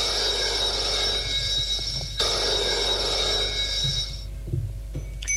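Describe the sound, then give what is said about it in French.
A telephone bell rings loudly in two long, shrill bursts with a brief break between them, then stops, leaving quiet with a faint low rumble and a few small knocks. “Le téléphone sonne.”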